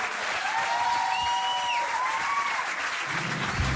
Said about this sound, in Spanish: aplauso grande para Garo, más fuerte aún.